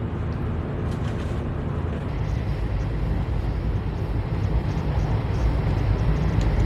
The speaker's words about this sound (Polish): Brzmi tak. Dosyć cichy pociąg.